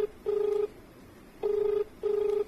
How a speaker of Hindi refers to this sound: बिल्कुल डॉक्टर साहब, एक और एक फोन आ गल बा।